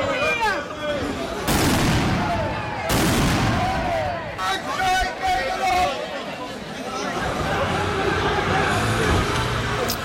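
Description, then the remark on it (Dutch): Two loud, sharp bangs of fireworks set off by a group of about 50 demonstrators at a street protest, a second or so apart, amid the noisy chatter and shouting of a large crowd that carries on throughout. “Toen een groep van 50 demonstranten niet wegging en vuurwerk afstak, werd er ingegrepen met politiehonden en wapenstokken.”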